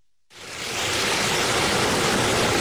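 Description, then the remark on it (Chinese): After a brief silence, a loud, steady roar of rushing water surges in and holds, broad and hissing, as Yarkand River water, the longest source stream of the Tarim River in Xinjiang, China, pours through a slowly rising electronic sluice gate at Eriktamu during an ecological water release on August 6. “8月6号，随着埃里克塔木起手的电子闸门缓缓抬升，塔里木河的最长源流叶尔羌河河水奔涌而下，水流一路绵延超过350公里，在与和田河交汇后最终汇入塔里木河干流。”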